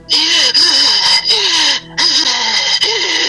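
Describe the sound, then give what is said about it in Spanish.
A voice imitates heavy, raspy breathing: loud, hissing breaths with a low groaning tone, repeated in about five long pulls separated by brief pauses. “Y de repente siento una respiración encima de mí.”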